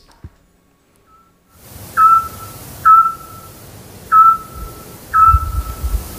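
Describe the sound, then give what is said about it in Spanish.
A scops owl repeats its short, clear whistled note four times at a steady pace, at 10 pm in the centre of the town of Peñaranda de Duero, over a soft hiss of night-time background noise. No one speaks. “Hombre, el autillo.”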